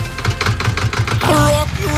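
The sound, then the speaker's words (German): A tractor engine chugs loudly with a steady, rapid low putter, then a rising tonal whine joins as the engine revs. “Es ging bei Radio Siegen um Trecker”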